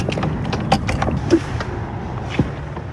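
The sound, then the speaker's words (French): The heavy door of a 400-year-old chapel being opened: a few sharp wooden clunks and latch knocks spaced over a low, steady rumble, with no voices. “Et nous, on ouvre cette porte.”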